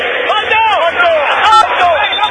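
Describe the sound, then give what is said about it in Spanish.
A crowd of River fans at a football stadium shouts and chants together. It is a loud, continuous roar of many voices, with sung lines that swell and dip in pitch throughout. “Grita el pueblo de River”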